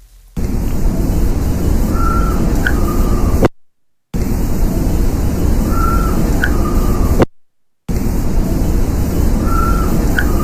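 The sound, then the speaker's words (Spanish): A faint, short wavering call, like a night bird, from a recording of sound coming from inside the Torres Albana, rises over a constant heavy hiss. The same stretch repeats three times, each separated by a brief gap of silence. “Parece como si fuera un ave nocturna, ¿eh?”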